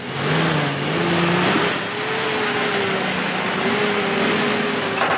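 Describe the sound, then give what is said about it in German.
A car engine runs steadily, its hum rising and falling in pitch as the car revs lightly and shifts while being maneuvered out of a parking spot in a parking lot, with no talking. “I'm trying to unpark my car.”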